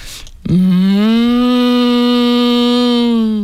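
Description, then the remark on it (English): A person imitates cows chatting among themselves in a field, with one long, loud, steady lowing call that starts abruptly and holds for about three seconds, alone, with no talking around it. “I think I do a good cow.”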